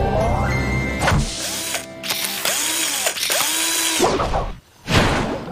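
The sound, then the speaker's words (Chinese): A power tool whirs in repeated bursts while a car's tire is changed by the PAW Patrol pups, its pitch rising and falling with each spin-up, with clicking ratchet sounds and brief pauses between runs. “太好了，灰灰，现在该换轮胎了。”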